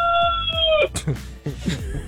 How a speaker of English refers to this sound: He wants to be heard. Wait, what's the rooster's name? The one who just crowed, Lightwing. Lightwing.